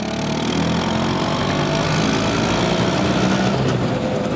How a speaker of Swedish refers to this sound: Det är den italienska mopeden Vespa som skapades 1946 av den tidigare flygplanstillverkaren Piaggio. Mopeden fick namnet Vespa, geting på italienska, för att den låter just som en sån.